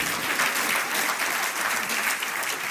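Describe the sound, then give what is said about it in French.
A crowd claps steadily in dense, sustained applause. The sound is fairly loud and even throughout, with no voices standing out above the clapping. “Alors tous ceux qui veulent être responsables dans ce lieu, applaudissent”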